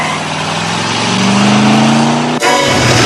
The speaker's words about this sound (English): steps out from behind a pillar and watches Kaneki pull out of his spot and peel off.